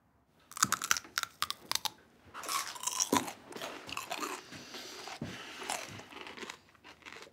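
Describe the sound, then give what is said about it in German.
Loud crunchy chewing with repeated sharp crackling bites and grinding, irregular but continuous for several seconds, with no talking. “Die Geräusche, die sie beim Kauen machen, kenne ich nur aus dem Zoo.”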